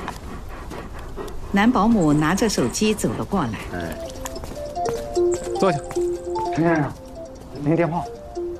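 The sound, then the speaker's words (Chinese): A dog pants rapidly and steadily with quick breathy huffs running throughout, broken by a few whiny, voice-like vocal sounds rising and falling over the panting, while someone plays with it in a yard. “正在院子里逗着狗玩。”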